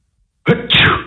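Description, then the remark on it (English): A single loud sneeze bursts out of silence, a sharp voiced onset followed by a hissing, breathy explosion that trails off quickly. “Bless you.”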